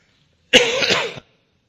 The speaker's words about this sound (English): I'm sorry for my cough, but I'm battling with it. Maybe we'll get going here tonight and it won't be a problem, hopefully.